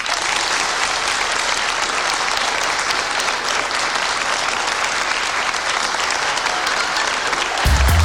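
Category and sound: crowd, audience applause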